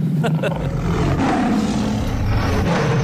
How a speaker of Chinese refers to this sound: 什么声？ 我手机的彩铃，老虎的叫声。院长来的电话。